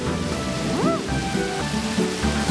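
Steady rain hisses throughout, with low rumbles of thunder underneath, while sustained musical tones and a brief swooping whistle play over it. No one speaks.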